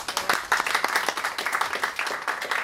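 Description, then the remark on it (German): An audience applauds the winners of the Ö1 wine awards 2026, many hands clapping in a dense, crackling patter with a few sharper claps standing out, sustained at moderate loudness without any talking. “Einen Applaus für die Sieger.”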